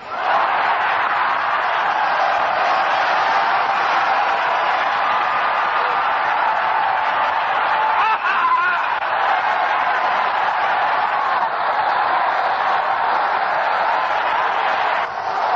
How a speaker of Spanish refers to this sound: Vamos a dar un gritito de clamor. Voy a señalar y va levantando la mano y dando un gloria a Dios.